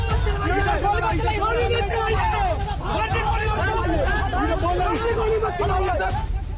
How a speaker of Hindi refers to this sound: जबरदस्त हंगामा बरपा है। पत्थरबाजी हो रही है। पुलिस लोगों को तितर बितर कर रही है और पीछे से चीख पुकार मची है कि पुलिस वाले गोली ना चलाएं।